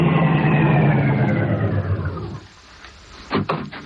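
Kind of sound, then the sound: vehicle, car approaching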